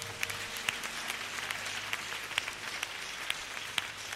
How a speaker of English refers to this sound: Clap for Jesus again.